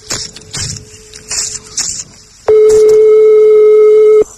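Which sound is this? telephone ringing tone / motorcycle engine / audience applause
telephone ringing tone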